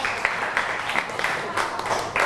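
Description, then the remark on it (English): A class claps together for group 5 after a correct answer, a steady patter of many hands producing repeated bright, sharp bursts with no one speaking. “Clap your hand for group 5 again.”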